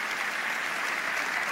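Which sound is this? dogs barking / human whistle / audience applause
audience applause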